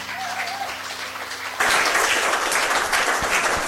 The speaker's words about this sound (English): give him another big round of applause. And how amazing is that?